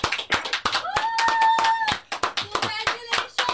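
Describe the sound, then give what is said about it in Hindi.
A small group claps in quick, irregular bursts, fairly loud, while a brief cheering voice rises over the applause partway through, as a ribbon is cut to open a showroom. “ताली बज रही है.”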